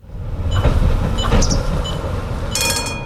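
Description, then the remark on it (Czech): A blue tram-train, the first Czech tram-train by AŽD, on test, rumbles into the Dětěnice stop on a regional railway line: a steady low mechanical drone with faint tonal whines and a brief metallic squeal near the end as it slows at the stop. “Do vlakové zastávky Dětěnice přijela modrá souprava, i když je na regionální železniční trati na první pohled připomíná spíše tramvaj.”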